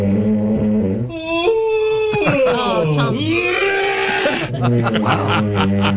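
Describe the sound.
A low, droning snore gives way to a long, wavering yawn whose pitch slides up and then down, sounding almost like a bleat, with a brief spoken exclamation in the middle.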